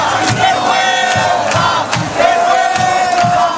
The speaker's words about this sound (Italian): E hanno iniziato a gridare vergogna quando hanno saputo il risultato della votazione.